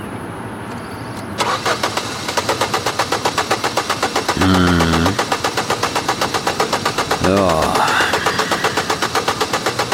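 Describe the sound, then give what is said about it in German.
A car starter cranks steadily and rhythmically for several seconds without the engine catching, loud, with a couple of brief voice interjections over the grinding, as a mechanic checks a broken-down car. “Sehen Sie, der Anlasser geht, aber der Motor kommt nicht.”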